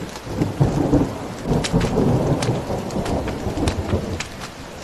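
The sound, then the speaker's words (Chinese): Steady rain pours outdoors, a dense continuous hiss with scattered sharper drop impacts, while a deep low rumble like thunder rolls underneath. No voices are heard. “那外边现在下着雨了，我一会儿我替你去看看他。”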